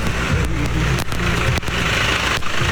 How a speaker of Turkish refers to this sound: Yolda bakın traktör de bize doğru geliyor. Traktörde hanımefendiler var. Onlar eşlerine yardım ediyorlar.